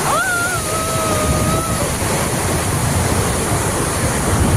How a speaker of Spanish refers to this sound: Esto es de recién en Retiro, ahí en la región del Maule, si no me equivoco. Escuchen, es impresionante el video, Chiquillos, son granizos, está granizando, el video es impresionante, parece que lo tiraran con balde, es increíble.